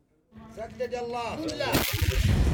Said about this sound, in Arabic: على وقع دوي المدافع تتجدد المواجهة الضارية في جبهة جبل هان غرب مدينة تعز.